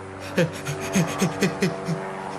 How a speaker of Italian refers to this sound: Ma dai, però sento uno strano rumore. Che rumore? No, oh, ma che fine ha fatto lo spazzanuvole? Sento un rumore di elica.